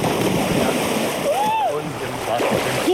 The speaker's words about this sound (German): Und wir machen das jetzt, was Jungs machen, wenn sie im Freibad sind. Wir schubsen jemanden ins Wasser.